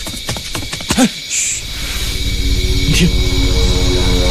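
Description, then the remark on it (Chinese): A low, steady drone of approaching Japanese enemy military aircraft engines swells gradually louder, with a couple of brief human voice sounds early on. “听，鬼子的飞机来了，游击队员们保护乡亲们分散隐蔽，快”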